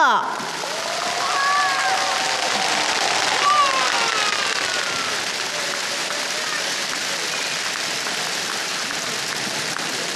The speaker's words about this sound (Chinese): 让我们再一次以热烈的掌声对刚才所有的获奖单位表示最热烈的祝贺。